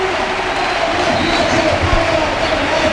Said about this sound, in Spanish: Aitán Abaida. Y fíjate la ovación, ¿eh?